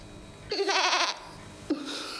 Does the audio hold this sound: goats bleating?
yes